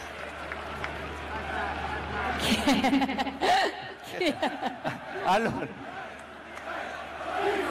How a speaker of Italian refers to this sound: Allora, un grande applauso a mister Allegri.